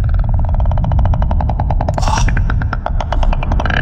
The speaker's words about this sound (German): Und falls du dich das schon einmal mal gefragt hast, so klingt es in einem Wal.